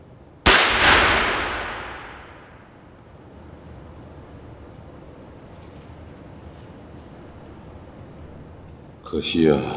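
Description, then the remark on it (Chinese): A single loud gunshot cracks out early, its echo trailing off over a couple of seconds into a faint, steady background hum with insect-like chirping, before a voice briefly starts speaking at the end. “可惜啊，可惜我这耳朵有点背了，听不清这枪声。”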